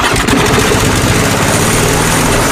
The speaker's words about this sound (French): Marre de tondre ? Tondeuse des 299€.